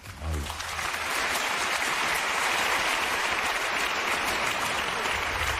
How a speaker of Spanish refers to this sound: ¿Por qué aplaude toda esa gente? Ah, no. Por nada, es que han visto la película muchas veces.